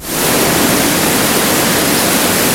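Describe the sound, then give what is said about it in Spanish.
Loud, steady rushing of river water flowing under a bridge where logs and sediment are being cleared, a dense continuous roar that swells in within the first moment and holds without a break. No voices are heard. “Estamos repasando en este minuto el resto del el ancho de todo el puente para evitar que haya otro tipo de sedimento, limpiar un poco a fin de que el agua corra y no se atrapen en este lugar.”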